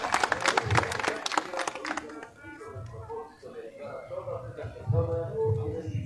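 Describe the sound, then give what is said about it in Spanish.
An audience bursts into brisk, dense applause for about two seconds, thanking a religious brotherhood (cofradía) on the eve of the town's patronal feast of Saint Michael the Archangel, before a procession. The applause fades out and a man begins speaking alone. “Entonces, fuerte los aplausos y gracias por compartir.”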